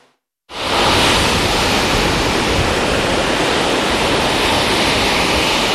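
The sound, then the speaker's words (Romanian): Big sea waves driven by strong wind surge onto a beach at Vama Veche, Romania, in a loud, steady roar of surf that cuts in abruptly after a moment of silence and rushes on without pause. No voices. “Turiștii și-au pus viața în pericol, au intrat în apă, deși erau valuri mari, vânt puternic și clar arborați de agul roșu.”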